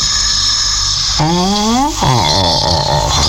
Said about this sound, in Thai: เสียงหมามันหลับโถนึกว่าอะไร